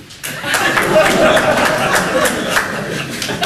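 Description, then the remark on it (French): An audience at an evening show breaks into applause in answer to the performer's call to respond by applause, a dense, steady patter of many hands clapping that starts abruptly and holds at a fairly loud level, with some scattered chuckling and murmuring mixed in. “Du coup, par applaudissement, est-ce qu'il y a des gens ce soir qui ne supportent pas les petites blagues racistes? Par applaudissement.”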